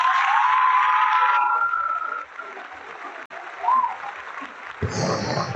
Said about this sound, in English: So make I give you that clap. Make a clap for him because amazing.